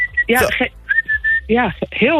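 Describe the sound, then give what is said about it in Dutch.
A loud whistle used to call cats inside sounds in several bursts: short steady high tones alternate with rising and falling warbling swoops, with brief gaps between calls. “Het is een fluit die ik gebruik om de katten naar binnen te halen.”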